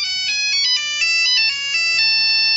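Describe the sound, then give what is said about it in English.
A melodic electronic phone ringtone at the start of Brian McFadden's phone call to Kerry plays steadily, a bright sequence of stepping tones repeating for a couple of seconds, clear with no one speaking. “Van Man managed to obtain via the internet an actual illegally taped intercept of Brian McFadden's notorious phone call to Kerry.”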